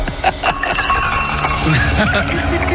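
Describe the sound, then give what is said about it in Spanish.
Glasses with ice clink together during a celebration, a cluster of bright, short chimes with rattling ice over a dense, busy background where voices murmur throughout. “Con los vasos, sí, está con los hielos y los vasos.”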